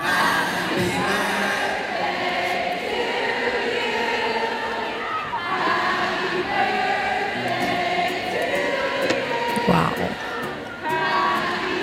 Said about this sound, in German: Das ist schon krass. … und der komplett ausverkaufte Madison Square Garden. 18.000 Fans singen dir ein Geburtstagsständchen.